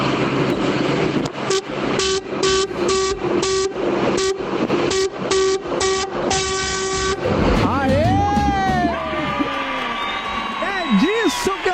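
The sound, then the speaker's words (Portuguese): A loud tractor-trailer truck horn, on a truck hauling toilet paper near Caieiras, honks in a rapid rhythmic burst of roughly ten short blasts, followed by warbling, sliding tones and some indistinct voices. “Meu filho, o povo tá buzinando com vontade, hein?”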